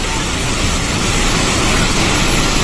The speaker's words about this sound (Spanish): El video dura casi 10 segundos y muestra el avance del agua que va destruyendo todo a su paso.